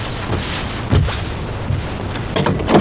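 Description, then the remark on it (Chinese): A door is opened for a mother calling her daughter, with a couple of short knocking or latch-like clunks and a scraping movement over a steady background hiss; no one speaks. “快听 门开开， 给妈妈给开开门，来，快快门， 来来来，下来来，快！”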